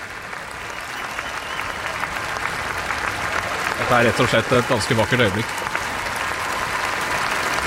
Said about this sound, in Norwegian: Det kong Håkon og dronning Mette Marit som kommer ut på Slottsbalkongen og vinker til folket, og blir møtt altså av et folkehav som jubler og klapper og vifter med norske flagg.